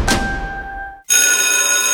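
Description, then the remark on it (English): A college bell is struck once and its tone fades out, then a loud, continuous metallic ringing kicks in abruptly and rings steadily, bright, with no voices. “Did you hear that? Anderson College's bell is ringing for you.”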